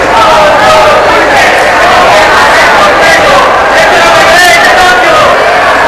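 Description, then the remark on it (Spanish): Three activists shout loudly and without pause from the guests' gallery in the Congress chamber, breaking into the right-wing parties' applause, over a dense, roaring crowd din that holds steady for the whole stretch, with no clear individual words. “Tres activistas chillan desde la tribuna de invitados.”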